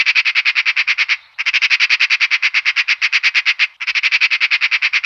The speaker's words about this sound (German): Ich hoffe, ich habe Sie nicht zu sehr erschreckt mit diesem Schreien, das ich ganz ohne Vorwarnung eingespielt habe, dieser Schrei einer Elster. Ich wollte Ihnen demonstrieren, wie solch ein Schrei eine Stimmung ganz plötzlich abrupt verändern kann.